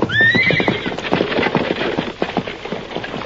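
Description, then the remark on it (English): A horse whinnies sharply at the start while several hooves clip-clop in a quick, steady rhythm, the trotting continuing loudly throughout without any talking. “Them horses are mighty thirsty, Sheriff.”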